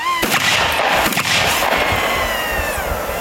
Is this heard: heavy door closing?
no